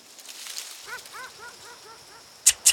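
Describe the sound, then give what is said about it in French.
A dog barks in a quick, even run of about six short, high yaps. Two sharp, loud bursts follow right at the end. “Venez, mes amis à poil, venez. Nos enfants préférés ont besoin de notre aide. Chien, chat.”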